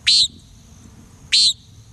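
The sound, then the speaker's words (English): A common nighthawk gives two short, nasal, buzzy peent calls about a second apart, clear against a quiet, low background hum. “As sunset draws near, watch for birds that become active in the twilight, like common nighthawks sweeping the sky for insects.”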